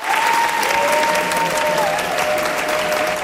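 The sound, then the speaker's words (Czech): Sustained, loud applause from a crowd filling a hall at the summer film school in Uherské Hradiště, after a screening of Švankmajer's film Spiklenci slasti (Conspirators of Pleasure), seeing off a 76-year-old comedian; a dense steady patter of many hands clapping at once, with a faint tonal whine running underneath. “Ještě než převzal výroční cenu Asociace českých filmových klubů, pobavil 76-letý komik po projekci Švankmajerova snímku Spiklenci slasti zaplněný sál, který ho vyprovázel nadšeným potleskem.”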